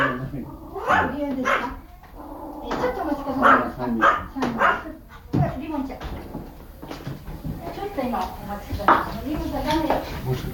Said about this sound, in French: Nous entrons donc dans ce petit ryokan. accueillis par les aboiements d'un chien.